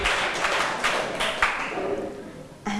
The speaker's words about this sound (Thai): เป็นคำตอบที่ถูกต้องค่ะเก่งมากปรบมือให้เพื่อนหน่อย